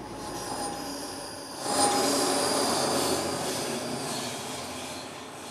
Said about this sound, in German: Also das ist die Lok, die draufkommt. Das ist sie dann, gell? Die kriegen wir dann drauf.